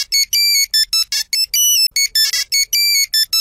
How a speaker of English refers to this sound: wrapping up our throwback lunch on Star 102.7 and throwing it back to the days when we were all rocking the old Nokia 3310 phone.